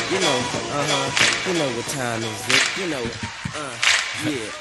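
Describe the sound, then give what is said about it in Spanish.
A sung melody with sharp, bright handclaps cracking through the mix at a slow, steady interval, three loud snaps standing out over the continuous vocal line. “Son como muchos aplausos para dormirme.”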